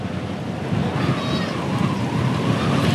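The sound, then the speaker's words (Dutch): Strong wind buffets the microphone of a reporter riding a motorcycle at the head of a cycling race stage, in a continuous, loud roar with deep rumbling gusts, a dense rushing noise that barely lets up from start to finish. “Wat vooral opvalt is dat het hier flink aan het waaien is al de hele etappe eigenlijk.”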